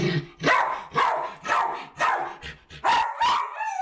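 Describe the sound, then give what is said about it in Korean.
A dog named Babtong barks loudly and insistently indoors at home out of separation anxiety, a rapid run of about seven sharp, high-pitched barks spaced roughly half a second apart, over 100 dB, with no talking. “얘 왜 이렇게 목청이 좋은 거야?”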